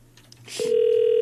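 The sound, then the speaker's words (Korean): A brief click on a phone line as a number is redialed, then a steady electronic ringback tone of the unanswered call begins and holds loud and unbroken to the end, with no voices. “아유, 전화를 안 받는다.”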